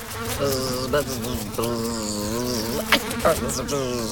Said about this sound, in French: Ah, je la vois. C'est une mouche. Oh, mais attention, tu te cognes à la fenêtre de la cuisine.